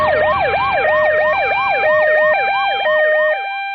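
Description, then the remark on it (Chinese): A loud ambulance siren, from the nearest ambulance dispatched to an emergency call, yelps in rapid, repeating rising-and-falling sweeps over a steady tone with no voices, then cuts off abruptly near the end. “马上调派就近救护车，同步联动公安110协助”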